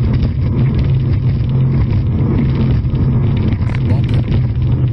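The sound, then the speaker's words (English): A powerful racing boat engine roars loudly and steadily for the whole stretch, its deep rumbling drone holding nearly constant with only slight surges in pitch. “Now I think it's there were some boats that were all racing over there.”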